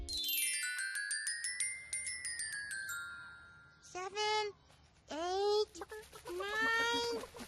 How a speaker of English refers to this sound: was sure that he heard chickens